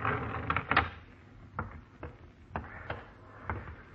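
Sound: door being opened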